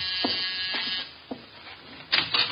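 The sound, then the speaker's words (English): A door buzzer drones with a steady, harsh electric tone, punctuated by a few soft clicks, then a short burst of rustling noise near the end. “Door, Archie.”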